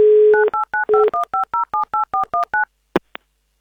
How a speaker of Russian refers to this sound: Мне кажется, надо повторить этот сеанс. Давай, согласен. Да, давайте, наберем еще раз.